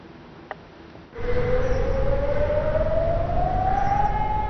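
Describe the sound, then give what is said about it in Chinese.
An air raid siren in Ignalina, Lithuania, sounded by authorities after two drones entered the airspace to warn residents to go indoors, starts abruptly after a quiet second and winds up in a slow, steady rising wail over a loud rumbling wash of noise, with no voices. “在立陶宛接壤白俄罗斯的伊格纳利纳，当局发现有2架无人机入侵领空，于是拉响防空警报，警告居民要马上进入室内躲避。”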